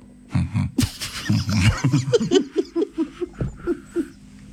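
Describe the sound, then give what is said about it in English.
A voice imitates a blue whale's heartbeat with a loud run of low, rumbling vocal pulses, starting as a rough growl and settling into a steady, thumping rhythm of short beats. “Did you know that you can hear a blue whale's heartbeat from over 2 miles away? What? Yep. What does it sound like”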